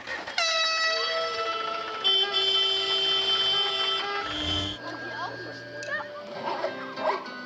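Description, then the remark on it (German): Several tractor horns blare together in a honking concert at a tractor cinema, marking the start of the film once it is dark: a loud, overlapping chorus of steady tones at different pitches, holding for a few seconds before breaking off into scattered shorter honks and background chatter. “Sobald es dunkel genug ist, läutet ein Hubkonzert den Filmbeginn ein.”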